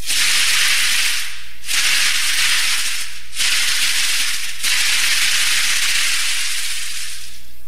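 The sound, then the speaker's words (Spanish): Dry, hissing rattles of Yaqui tenabaris, leg rattles made of butterfly cocoons, shaken in four long bursts separated by brief pauses, loud, with a bright crackling texture and no voices. “O los capullos de mariposas como el tenabaris yaqui.”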